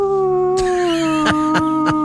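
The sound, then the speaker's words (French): A person wearing a mask imitates a dog's howl, holding one long wavering, slowly falling note, while a few short sharp yips or barks punctuate it near the end. “Donc je peux hurler, s'il y a d'autres terriens qui hurlent à la lune, comme on dit, je vais hurler avec eux.”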